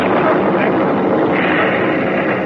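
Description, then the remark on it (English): A loud, steady roar of warplanes passing overhead, a dense rumbling drone that holds without break for the whole stretch, heavy. “Those planes are going to start bomb runs.”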